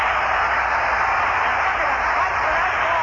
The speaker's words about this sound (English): Listen to that crowd. Roger Maris. What a shot. 61 home runs, and they're still fighting for that ball out there. People are climbing.